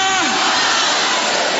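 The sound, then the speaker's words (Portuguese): A large crowd shouts together in one loud, sustained roar of many overlapping voices, with a few higher cries rising out of the mass for a second or two. “Eu só estou vendo aqui, mexendo a mão e gritando, mas o pessoal de longe está meio assim, não sei, está com a cara meio estranha.”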